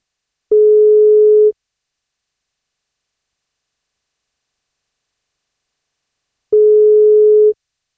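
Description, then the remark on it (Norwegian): A telephone busy signal on a call to a birthday listener: two steady, mid-pitched tones, each about a second long, separated by a long stretch of silence. No one speaks. “Ja, der var det tydeligvis litt vanskelig å få kontakt eller få høre.”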